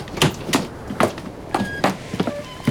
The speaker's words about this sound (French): Là, capitaine. C'est la pompe qui fait ce bruit-là.